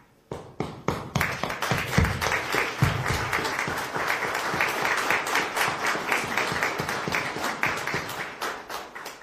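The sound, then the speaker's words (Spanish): At a church ceremony, a crowd applauds a family as their daughter performs a sign of her baptismal commitment. Many hands clap in a dense, even patter that starts abruptly and stays fairly loud throughout, with no voices standing out. “Así que le damos un fuerte aplauso también a esta familia que hoy día ven también realizar este signo en su hija.”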